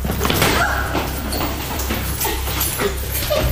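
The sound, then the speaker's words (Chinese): Rapid, insistent knocking by police on the door of a home at midday in August 2021, repeating in quick bursts over a dense, noisy background, the thuds fairly loud with no one speaking. “听到了一阵阵急促的敲门声。”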